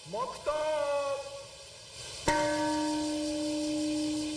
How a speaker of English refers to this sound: A minute of silence was held while a peace bell rang out at 8:15 a.m., the time when a U.S. B-29 plane dropped the bomb on the city.